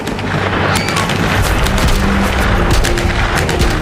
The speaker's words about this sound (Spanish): Varias balas, de hecho, alcanzan el vehículo, perforan dos neumáticos.